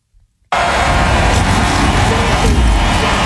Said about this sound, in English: Can you hear it? The cars are starting. You can barely hear it